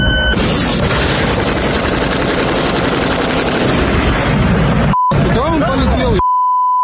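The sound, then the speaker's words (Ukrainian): Loud, dense bursts of rapid automatic fire from Russian mobile air defense fire groups shooting at Ukrainian drones rattle continuously for several seconds, with voices shouting underneath, then break off into a couple of steady electronic beeps. “Ось, подивіться, як мобільні вогневі групи влаштовують шоу «Вгадай траєкторію».”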